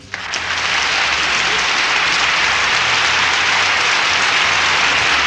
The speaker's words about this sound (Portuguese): Vamos lá. Palmas para ele.